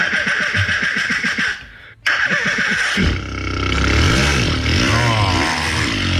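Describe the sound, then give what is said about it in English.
A performer based in Berlin imitates a motorbike starting with his mouth: a few sputtering, clicking cranks, a brief pause, then a loud rumbling engine that revs and wavers for several seconds, alone. “Starting a motorbike.”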